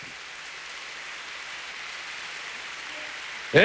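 audience applause

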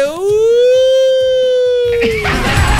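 ambulance siren

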